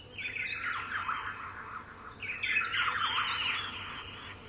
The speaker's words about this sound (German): Tatsächlich, bei mir wären es wirklich Vogelstimmen, weil die hast du früh, die hast du abends.